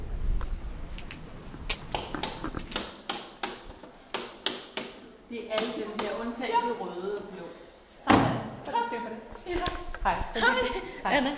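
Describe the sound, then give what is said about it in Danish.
The heavy, closed door of the Matthæuskirken church in Vesterbro is worked open and shut, with a series of sharp clunks and latch knocks, followed by people talking as the knocking continues. “Det er Matthæuskirken, vi er kommet frem til, hvor døren er lukket.”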